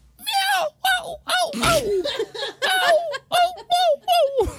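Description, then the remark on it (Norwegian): A person vocally imitates a seagull, giving a series of about eight loud, high, wavering cries with short gaps between them, somewhat laugh-like and bordering on a cat's meow. “Er det et måke? Ja, innpå det mellom katt og måke der, vil jeg si.”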